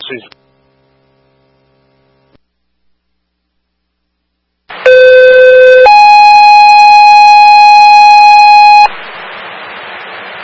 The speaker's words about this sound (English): Franklin Fire, medical shift alarm, engine 4A4, 67 Bayberry Common for the unconscious party.